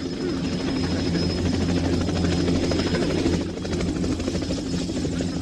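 A helicopter's rotor drones loudly and steadily throughout, a dense chopping roar with a low engine hum beneath and a faint high whine on top.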